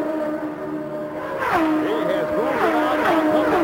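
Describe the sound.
Race car engines drone steadily, then several cars roar past one after another down the straightaway to complete a lap, Rick Mears leading Mario Andretti and Michael Andretti, their whining pitch rising and dropping with each pass. It's loud and continuous, with a possible voice faintly underneath.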